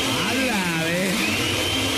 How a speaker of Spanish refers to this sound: Aquí estaba en la casa, a ver, para saber que estaba en la casa, prende la licuadora.